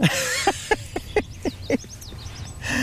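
A small songbird, a sparrow or finch, sings a territorial song of quick, evenly spaced chirps, with thin high whistled slurs mixed in, moderately loud over a soft low background rumble.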